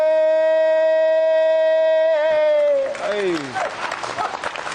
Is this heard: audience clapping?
yes